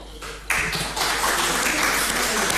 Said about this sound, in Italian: spero che arrivi anche a te l'applauso della sala.